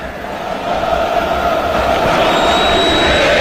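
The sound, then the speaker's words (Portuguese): Visiting Internacional (Inter) football supporters chant together at the Morumbi stadium while the home São Paulo fans stay silent in protest: a steady, loud wash of many voices merging into a sustained sung drone that holds without pause. “Essa, senhor, é a torcida do Inter. Só a torcida do Inter no Morumbi.”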